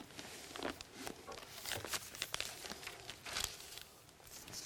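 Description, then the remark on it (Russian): Book pages rustle and flip as the Book of Revelation is opened to chapter 12, a run of soft, crisp crinkles and brushing sounds over a few seconds, fairly quiet, with no talking. “Итак, 12 глава книги Откровения. Давайте мы ее откроем.”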